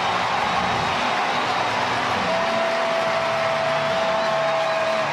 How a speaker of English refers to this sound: And instead of it being Nathaniel Lowe to hit, the Reds will go to their bench and bring on the veteran Eugenio Suarez. Boy, wouldn't this be a moment. Listen to the crowd.